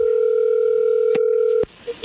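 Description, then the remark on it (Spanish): A phone line's steady, loud dial tone hums for over a second and a half, broken by a click, then cuts off abruptly as dialing starts, followed by a faint short beep. “Adelante, Lobo, ahí se está marcando, no haga ruido.”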